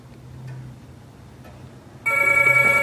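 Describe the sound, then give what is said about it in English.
After about two seconds of quiet, low room hum, a telephone bell suddenly starts ringing loud, a bright, sustained metallic trill that carries on to the end. “Vincent puts the cat on the sofa and answers the phone.”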